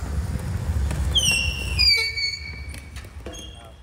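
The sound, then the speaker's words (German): Squeaking tyres of electric wheelchairs as players of the Essen Ruhrrollers team drive them across the playing field during training: shrill, drawn-out squeals that slide slightly downward in pitch, followed by a few short chirps, over a low rumbling background. “Mit quietschenden Reifen fahren die Spieler mit den elektrischen Rollstühlen über das Spielfeld.”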